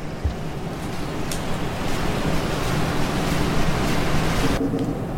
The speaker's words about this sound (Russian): Так, сейчас дождь уже.